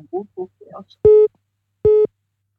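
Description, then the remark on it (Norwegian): A telephone call-in line for a bingo game rings with two steady mid-pitched electronic tones, each about a quarter second long and evenly spaced, after a moment of brief talk. “Det ringer flere.”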